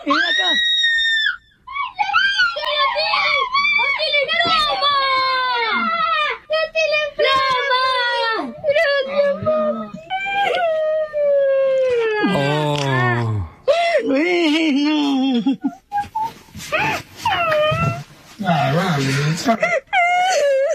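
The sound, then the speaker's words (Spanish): Children scream and shriek excitedly with happiness on seeing their plasma television, for about twenty seconds, several high-pitched voices overlapping in loud, sliding wails and squeals with only brief pauses, growing more chaotic toward the end. “Entonces vamos a escuchar cómo se ponen de felices estos niños cuando ven su televisión plasma, güey.”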